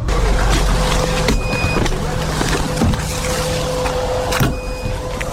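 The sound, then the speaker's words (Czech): A drone detector in a moving vehicle in Druzhkivka emits two high, steady electronic beeps about three seconds apart, signalling drones nearby, heard over a constant loud rumble of engine and road noise, with no one speaking. “Pípání detektoru signalizuje, že v našem okolí se pohybují drony.”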